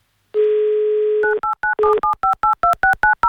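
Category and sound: signal or alarm, telephone number being dialed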